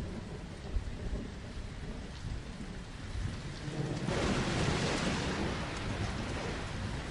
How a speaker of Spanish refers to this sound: Oh, viene una tormenta